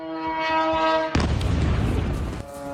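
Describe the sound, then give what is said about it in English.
A single loud explosion in Erbil province, northern Iraq, bursts out suddenly and rumbles for about a second, cutting through a steady, droning horn-like tone that resumes afterward. No voices are heard. “Now, we are just getting some reports at the moment of several explosions being heard in northern Iraq.”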